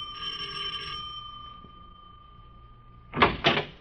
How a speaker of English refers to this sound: Well, I'll ring the bell, sir.